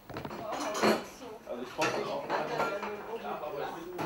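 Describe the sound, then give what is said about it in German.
Dishes and cutlery clink and clatter in a sink as a family washes them by hand, without a dishwasher, in the former kitchen of Konrad Adenauer's house in Rhöndorf, with bright irregular knocks and scrapes over a steady background of water and murmured voices. “Familienabwasch. Eine Spülmaschine hat der Alte nicht erlaubt.”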